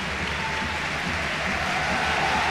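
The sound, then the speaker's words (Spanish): A large football stadium crowd at Mendizorroza roars and applauds in a sustained ovation welcoming a player, a dense wall of cheering and clapping that stays loud and steady throughout, with no clear voices standing out. “Esto que habéis escuchado, este rugido, ha sido para recibir a Mariano Díaz en Mendizorroza.”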